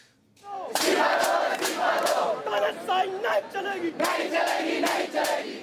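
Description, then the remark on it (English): A large crowd of thousands of protesters, mainly students, shouts and chants together in New Delhi, India, as tear gas is fired at them, demanding the resignation of Prime Minister Narendra Modi: loud, a dense wall of many voices with rising, rhythmic bursts of yelling that continue without a break. “Tear gas has been fired at thousands of protesters who are gathering in the Indian capital”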